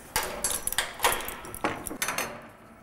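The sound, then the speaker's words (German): Stable doors being opened in the very early morning to let the animals out, with a series of five or six sharp clanks and rattling bangs of latches and wood in quick, uneven succession, each fading briefly. “Türen sind auf.”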